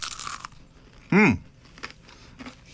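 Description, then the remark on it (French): A crisp crunch of someone biting into a crunchy chicken nugget, tasted without sauce, followed by a brief voiced murmur and faint chewing in an otherwise quiet setting. “Là, c'est vrai, des croquettes, c'est bon.”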